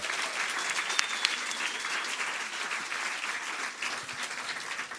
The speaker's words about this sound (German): Der kommt aus Leipzig und der Applaus für ihn kommt bitte aus euren Reihen.